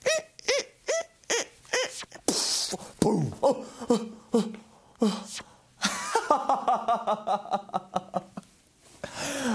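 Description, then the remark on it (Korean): A balloon is twisted in an attempt to make a lion shape, giving off a run of sharp rubbery squeaks and squeals that rise and bend in pitch, with scratchy rubbing bursts and a quicker rattle of squeaks near the end. “풍선 소리에 놀랬습니다.”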